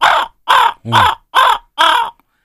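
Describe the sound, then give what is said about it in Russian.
Five loud, harsh, throaty caws of a raven, evenly spaced about half a second apart, each rasping call similar in length, followed by silence. “значит, звуки тайги, хрипы лошадей, крики коровки. А, воронов, господи, я коровы читаю.”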